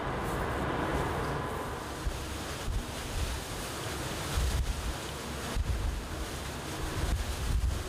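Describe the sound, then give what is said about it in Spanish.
Rough sea with waves about 4 metres high, heard from a boat on the way to Southampton, surges continuously with heavy wind roaring across the microphone, waves crashing in repeated loud bursts against a dense, rumbling wash of water and gusts. “Estima que la altura de las olas es de unos 4 metros. El mar está agitado, ¿no?”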